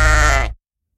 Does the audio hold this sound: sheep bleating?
yes